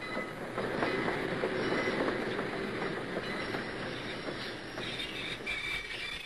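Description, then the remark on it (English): A train pulling into a station rumbles steadily with rolling wheel noise and some metallic squealing, a continuous, fairly loud mechanical roar lasting several seconds with no voices. “I'd like you all to be perfectly quiet until they come down the train steps.”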